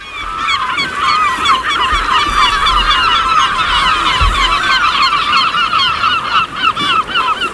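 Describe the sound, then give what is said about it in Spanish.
A dense chorus of honking waterbirds at the mouth of the Guadalhorce river on the Mediterranean, a nature reserve in Andalusia, Spain, many calls overlapping continuously at a steady loud level, with a low rumble beneath and no talking. “y la propia delegación de Medio Ambiente de la Junta de Andalucía ha generado una serie de recorridos que están señalizados e incluso tiene los observatorios de aves que son espectaculares para la visión de estas aves.”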